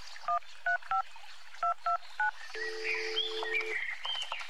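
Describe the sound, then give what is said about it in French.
Six short, clear telephone keypad beeps in quick, slightly uneven succession, followed by a steady low tone with birds chirping in the background. “Où est mon téléphone?”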